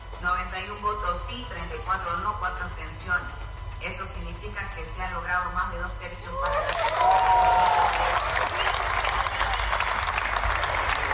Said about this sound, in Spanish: Aplausos del oficialismo, aplausos desde Unidad y aplausos desde la bancada de Libre.